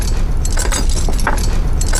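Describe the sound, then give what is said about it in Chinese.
A bunch of jail keys, including the key to a secret cell, jangles and clinks, the bright metallic rattling continuing in irregular bursts for a couple of seconds over a low background rumble. “哪个是密牢钥匙啊？”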